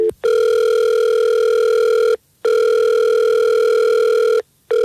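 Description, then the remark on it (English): A telephone ringback tone on an outgoing call placed by The Fred Show, a morning radio show: two long, steady electronic tones separated by short silences, loud, with no talking. “Well, let's call him and we'll see if we can get him on the phone and we'll figure this out for you.”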